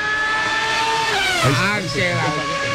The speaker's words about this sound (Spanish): Es que se escucha ese ruido. Yo pensé que eran los motores allá de los talleres del Moliche que los habían traído por el malecón. Escucho un ruido allá. Y son los carros en Montoya.